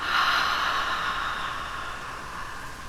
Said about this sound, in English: Take one slow breath in through your nose and out through your mouth.